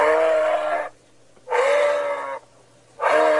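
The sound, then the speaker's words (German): Three loud, drawn-out moose calls in steady succession, each a nasal, bleating moan lasting close to a second, separated by short pauses, with no one talking; moose in Grünheide, Brandenburg, Germany. “Neben den E-Autos gibt's da jetzt auch Elche.”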